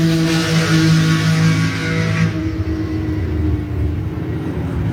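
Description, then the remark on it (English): Loud, droning race-car engines pass by on a race track, their harmonic roar bright at first, then dulling abruptly midway as the cars move off, with a steady engine rumble continuing and no talking. “B2 took this video. So I don't know what the... I think this was maybe the first session here. And that's me in that white car there.”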